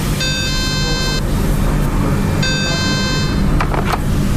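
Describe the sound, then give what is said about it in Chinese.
A fire telephone in the production workshop of a garment factory in Pei County, Xuzhou, Jiangsu, China, rings twice as inspectors call the industrial park's fire control room, each a buzzy electronic tone about a second long with a pause between, going unanswered by duty staff over a steady low rumble of background noise. “打电话啊，值班人员一直没有接听，好，我们再等一下。”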